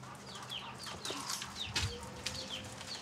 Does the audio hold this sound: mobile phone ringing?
no